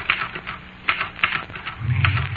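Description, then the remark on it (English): Rapid, uneven clacking of typewriter keys, fairly loud, with a low mechanical hum joining near the end. No one speaks. “Me, said the typewriter.”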